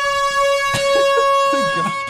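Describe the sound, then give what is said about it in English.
A loud, sustained air horn blares steadily through the whole stretch, its bright stacked tones holding without a break while voices chatter faintly beneath it. “That's the longest air horn I've ever heard.”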